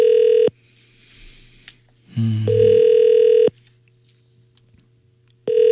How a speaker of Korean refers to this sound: 전화를 안 받으시네. 오늘 왜 그러시지?